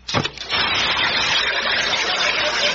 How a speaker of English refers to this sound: drop this here alkali water tablet into this here glass, and I want you neighbors to listen to it fizz